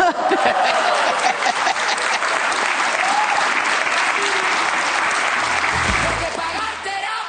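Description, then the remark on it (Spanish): Steady, dense applause from an audience, a continuous crackle of many hands clapping at even loudness for several seconds, with faint voices underneath. “Aplausos, sí, la seguimos escuchando, pero aplausos con el resto de la gente que la está escuchando ahí.”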